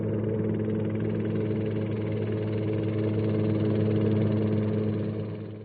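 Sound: airplane flying overhead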